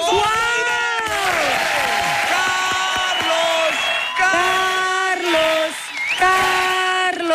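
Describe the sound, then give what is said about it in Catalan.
A loud, sustained crowd ovation: steady cheering and applause filled with high whoops and sliding yells that rise and fall over a dense wash of noise. “ovación en la cola, ¿eh?”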